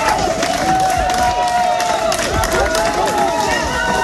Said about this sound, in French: Des applaudissements nourris devant le palais de justice de Digne-les-Bains. Une vingtaine de militantes sont là, membres du collectif féministe 8 mars toute l'année.